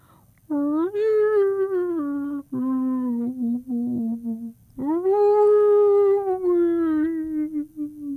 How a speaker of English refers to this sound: Cradled in the crook of her tail, he listened to the soothing rhythms of her whale song.